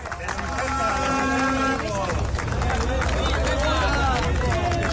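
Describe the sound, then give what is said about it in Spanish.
A group of picketers outside the Tubos Reunidos factory in Amurrio jeers and shouts over one another while scattered, uneven ironic handclaps ring out as part of the workforce returns to the factory, a loud, steady din of voices and clapping that lasts throughout. “Accedían entre aplausos irónicos y reproches del grupo de piquetes apostado en el exterior.”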